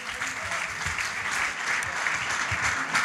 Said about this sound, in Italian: Ancora un applauso